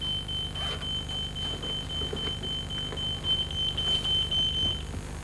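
A telephone rings at home with a steady, high electronic tone that holds for several seconds before cutting off, heard over a low background hum with faint clicks and no talking; the call is from the hospital.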